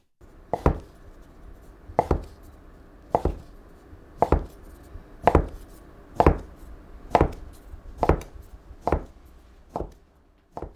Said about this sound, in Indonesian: Karena mie-nya nanti akan lebih besar 2 kali lipat setelah direbus, maka kita memotong adonannya tipis-tipis. Kalau kita memotong adonannya miring, maka mie-nya nanti akan berbentuk zigzag atau bersiku-siku. Iris seluruh adonannya yang dilipat tadi.